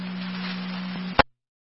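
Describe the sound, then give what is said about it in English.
A steady low radio alert tone hums beneath hissy static for over a second, then cuts off with a sharp click as the transmission ends. No one speaks. “Are you going to be all set on tones?”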